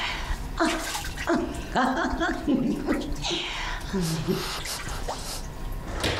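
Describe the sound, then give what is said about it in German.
Bath water sloshes and splashes continuously at a steady, moderate level while a person talks over the watery noise. “Soll ich dich auch mal nass spritzen?”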